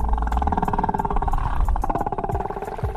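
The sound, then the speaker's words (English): Whale calls underwater in the Alaskan ocean: layered, wavering harmonic moans and rapid pulsed buzzing sounding together over a deep, steady rumble, fairly loud and continuous throughout. “But the longer she listened, the more those calls started to sound not like alien transmissions”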